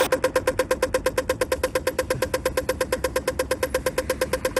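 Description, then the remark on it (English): A rapid, steady ticking from a pedestrian crossing signal, roughly nine sharp clicks per second with a hollow tonal knock, continuous with no one talking. “One's the traffic light sound. One's not a traffic light sound.”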